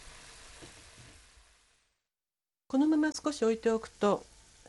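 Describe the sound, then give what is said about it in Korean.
Ground meat broth simmering down in an uncovered pot for about five minutes until about two tablespoons of broth remain, a steady bubbling hiss that fades out after a couple of seconds; after a short silence a person speaks. “너무 졸이면 고기가 굳어지므로 냄비에 고여있는 국물이 두 큰술 정도가 될 때까지 졸입니다.”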